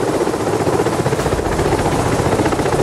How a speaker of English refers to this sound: Well, as we go back towards Kathmandu, there's a helicopter right there. It's got dead bodies slung underneath it, is what we're told. The mortal remains of people who've lost their lives being taken by helicopter right up there to our side.